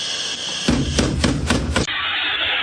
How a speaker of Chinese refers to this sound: 通过调取公共场所视频可以听到，凌晨4:34，居民楼架工层传来乒乒乓乓的爆炸声，并伴有大量气体释放的声音，很快火光就映透了整个架工层。